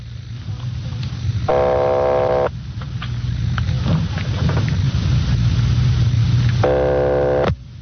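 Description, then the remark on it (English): A telephone ringing tone sounds twice over a steady low hum as an operator rings a number in Napa on a long-distance call from Los Angeles: two buzzing, harmonic-rich rings about a second long, separated by a pause of several seconds, heard as if through a phone line. “They're ringing the number, Sergeant.”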